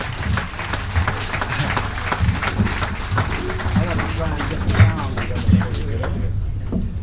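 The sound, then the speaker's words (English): An audience applauds steadily, welcoming a jazz musician to the stage, a dense wash of many hands clapping for about seven seconds with voices mixed in underneath, thinning out just at the end. “Without further ado, let's get together and welcome to the stage that statesman of jazz and give a nice round of applause to …, ladies and gentlemen.”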